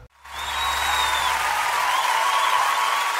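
A crowd applauds loudly and steadily, a dense wash of clapping that starts abruptly and holds even for about three seconds, with a faint high tone running underneath.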